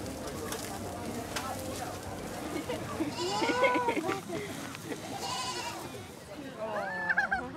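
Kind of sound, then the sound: animal, goats bleating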